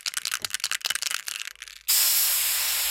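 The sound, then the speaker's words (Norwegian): A spray can rattles in quick, uneven shakes, then a steady, loud hiss of spraying starts and holds for about a second. It is clear, with no voices. “Ja, den umiskjennelige lyden av en sprayboks der, og det er altså sprayboksen som fyller år i år.”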